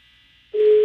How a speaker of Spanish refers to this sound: está sonando el teléfono de Don Tavo